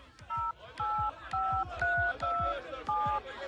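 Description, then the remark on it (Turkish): Six steady dual-pitched beeps from a phone keypad as a number is dialed to call someone, each about a quarter second long and evenly spaced, with soft button clicks and faint background noise behind them. “Ay çalıyor. Ama açan yok. Demek ki duymuyor.”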